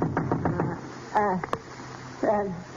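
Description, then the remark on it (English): Two sharp raps on a door, waking a sleeper, sound about a third of a second apart. Wordless, voice-like murmuring rises and falls before and after them. “And then a knock on the door, waking me.”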